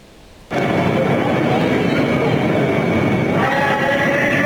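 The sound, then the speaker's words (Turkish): After a brief quiet moment, a loud, steady rumble of a metro train on the Kadıköy–Sabiha Gökçen Airport line in Istanbul running on rails kicks in and continues, with a faint high whine riding over the roar. “İstanbul'da Kadıköy Sabiha Gökçen Havalimanı seferini yapan metro Bostancı istasyonunda raydan çıktı.”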